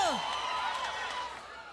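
A crowd cheers and screams steadily, with high whoops and whistles rising over a dense wash of noise that holds at an even level throughout.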